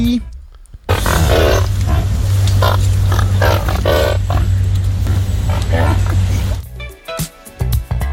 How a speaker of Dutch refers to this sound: Ja, je zou bijna zeggen een varken of iets. Sorry? Een varkentje? Of een varkentje. Flink varken wel trouwens. Ja, flink varkens. Maar ja, die zijn wel flink hoor, varkens. Ja, dat is waar. Nee, het is een pelikaan. Oké. Het is gewoon een vogel.